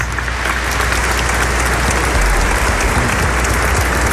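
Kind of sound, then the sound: crowd, applause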